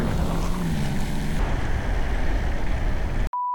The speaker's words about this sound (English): Like, I've just got to put all my faith and all my trust in like Scania's tech and the autonomy of it. I mean, there's no drivers in these cabs, which is insane, but I'm annoyed with myself. Trucks rolling.